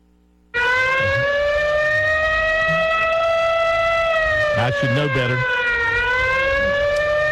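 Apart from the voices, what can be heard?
siren sound effect played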